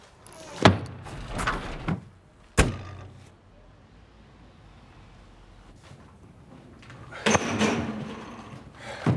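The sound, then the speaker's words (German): A few sharp thunks close together as a coffin and car doors are shut, a quiet pause, then a car's engine rumbles up as it pulls into a barn at the back and parks. “Sarg zu, Auto zu und hinten in der Scheune parken.”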